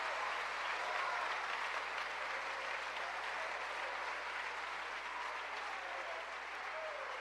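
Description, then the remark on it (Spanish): An audience at a Christian sermon claps steadily for several seconds in praise of God's mercy and love, a dense, even wash of applause that holds at a constant level throughout with no voices standing out. “¿Cuánto le dan un aplauso a la misericordia y al amor de Dios?”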